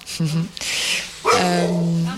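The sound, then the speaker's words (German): Dogs bark and whine loudly. Two drawn-out, voiced calls are separated by a short breathy gap, and a person's voice may blend in. “Hallo Hundis.”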